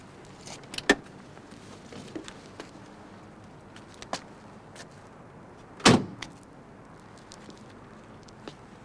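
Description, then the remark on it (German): A driver climbs out of a car after being asked to switch off the engine and step out: a latch click and shifting movement, scattered small knocks, then one solid door thud near the end, with no voices. “Würden Sie bitte aussteigen?”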